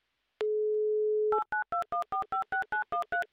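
A steady, low telephone dial tone holds for about a second, then gives way to a quick run of about eleven short, evenly spaced two-pitch keypad beeps as a number in Petrozavodsk is dialed for a radio show call.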